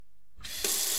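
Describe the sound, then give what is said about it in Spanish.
After a brief quiet moment, a faucet turns on and water gushes steadily, growing louder as it pours into a container, with no voices. “El agua que utilizas para lavar las frutas y las verduras, recógela en un recipiente y luego puedes aprovecharla para regar las plantas de tu jardín o tu huerto.”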